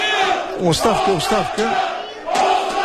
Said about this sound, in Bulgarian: Оставка, скандира публиката. Тук е оставка за тренерското ръководство на Локомотив София, защото след 8 кръга, ако така се развият нещата, отбора на Локомотив ще се закопчи на последното място до сега.